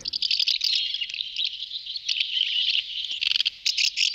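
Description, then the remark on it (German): House martins call in a dense, continuous chatter of high, buzzy chirps and twitters, steady throughout, with a few brighter bursts toward the end and no one speaking. “Ja, Sie haben es ganz sicher erkannt. Das ist die Mehlschwalbe.”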